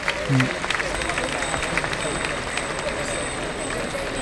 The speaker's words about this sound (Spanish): Se lleva la mano al corazón. Y hay palmas para Maripaz Vega, que ha tenido en este toro un enemigo sin duda.